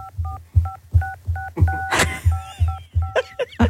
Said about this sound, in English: I used to, like, play songs on the keypad back in the 80s and 90s with my friends on the phone. Like Mary Had a Little Lamb? This was your childhood? You never played Mary Had a Little Lamb on the keypad? Can I play it for you? Yes.